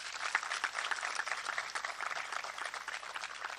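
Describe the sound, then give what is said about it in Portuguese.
A crowd applauds steadily, a dense wash of many clapping hands that holds at an even level for several seconds without dying down. “quero pedir uma grande salva de palmas para todos.”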